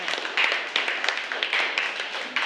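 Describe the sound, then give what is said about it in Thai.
A class claps together for the group 3 representative in steady, overlapping applause, a dense patter of many hands with sharper individual claps popping out of the wash, lasting a couple of seconds with no talking. “ค่ะขอเสียงปรบมือให้กับตัวแทนกลุ่มที่3ด้วยค่ะ”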